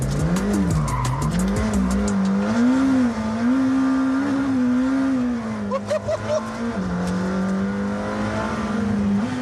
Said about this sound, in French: Oh, le bruit du moteur.